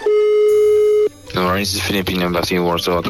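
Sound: telephone ringing tone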